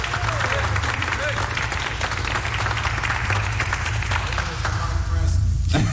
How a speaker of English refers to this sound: Surely, thank you very much for the applause.